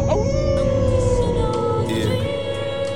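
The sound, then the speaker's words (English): A dog howls in one long, steady, drawn-out note that holds for several seconds, fairly loud, over a low rumbling background with faint higher wavering tones. “The wolf does. You a wolf? Come on, wolf. Oh, come on, dog.”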